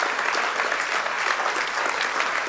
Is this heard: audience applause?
yes